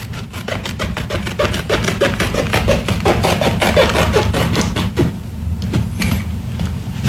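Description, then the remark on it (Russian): Sharp scissors chop through the thick topstitched seams of a pair of jeans as the legs are cut, in a quick, steady series of crisp snips that thin out to a few scattered cuts near the end, over a low continuous rumble, with no talking. “Так, подождите, прежде чем я просто покажу, что вот это вот джинсы, вот эти ножницы разрезали вот эти вот плотные швы, отстроченные.”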